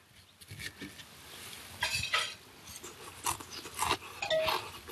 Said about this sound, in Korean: 그 소리 들으셨어요 방금 바삭바삭?